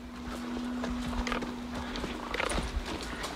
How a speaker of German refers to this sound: Aber erstmal geht's mit Theo ausreiten.